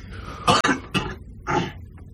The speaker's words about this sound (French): Pourquoi tu tousses? Parce que moi, je suis malade.